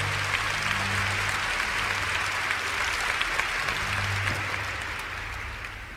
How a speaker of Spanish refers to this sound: Y el pueblo de Dios dice, gloria a Dios, démosle un aplauso al que todo lo puede.